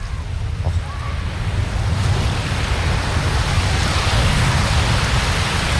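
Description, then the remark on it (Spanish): Steady roar of ocean surf breaking on a beach, a broad wash of noise that swells slightly louder in the second half, with no voices. “Yo os voy a dejar con ese sonido maravilloso para que disfrutéis.”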